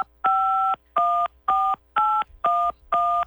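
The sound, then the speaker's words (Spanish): Six evenly spaced telephone keypad tones from dialing a phone number, each a clean dual-pitched beep lasting about half a second with short gaps between, clear with no voices. “muy bien, ya escuchamos que marcaste.”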